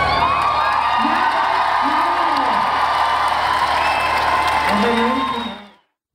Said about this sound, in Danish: Og fra grøn pointtrøje til grøn koncert, som er slut for i år. Og i den sidste udgave i Valbyparken i dag, var det også den sidste gang, Jakob Haugaard var frontfigur efter 4 årtier. Og han blev klappet ud.